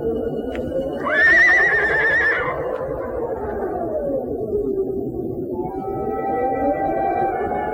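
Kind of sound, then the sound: animal, horses neighing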